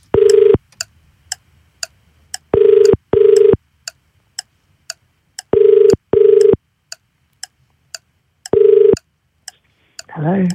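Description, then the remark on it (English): A phone call to someone in Albion Park rings out with loud buzzing ring tones, mostly in pairs, while a steady clock-like ticking runs underneath; a voice answers briefly at the very end. “All right, we're going to call someone else.”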